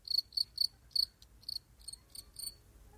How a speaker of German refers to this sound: kann man die Grille hier bitte mal... Mann! Ausgegrillt.